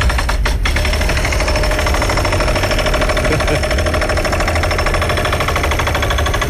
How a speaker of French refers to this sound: Alors? Est-ce que tu sais de quoi il s'agit? Un marteau piqueur? Hey, ou donc des travaux routiers?